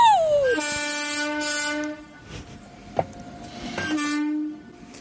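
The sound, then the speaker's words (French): A rack railway express train passes, used as the jingle for the Divergence Express segment, its horn sliding down in pitch into a long steady blast, then a short pause with a sharp click before a second sustained horn blast. “Alors autant sur au début mon poteau ça dansait, mais alors là mon petit train express à crémaillère qui passe là, ça fait pas l'unanimité.”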